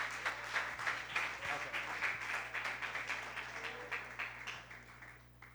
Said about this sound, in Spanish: Pueden dar un fuerte aplauso a nuestro Señor Jesucristo. Gloria a Dios.